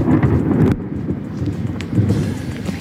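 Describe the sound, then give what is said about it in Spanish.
An overnight thunderstorm in Gandía: deep, rolling thunder rumbles continuously over a steady wash of rain, loud, with the hiss briefly dropping away partway through before swelling again. “Eso sí que no se preocupe nadie, porque parece que la tormenta remite”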